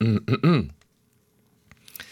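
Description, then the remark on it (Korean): A radio DJ hiccups three times in quick succession on air, short voiced bursts of rising and falling pitch, followed by near silence with a faint soft noise at the end. “딸꾹질 4번 샜다고.”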